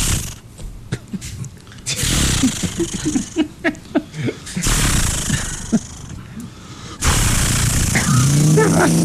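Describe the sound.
A voice imitates a chainsaw starting up: a few sputtering, rhythmic pulls, then a loud, rough, sustained buzzing roar that rises in pitch near the end, harsh.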